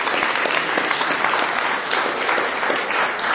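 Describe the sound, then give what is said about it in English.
An audience at NEC applauds the staff who organized the event: a dense wash of many hands clapping at an even, fairly loud level throughout, with no pauses and no voices standing out. “I just want to say thank you to everyone here at NEC for hosting this, for pulling this together, and a big round of applause for the staff and everybody that's worked so hard to do this.”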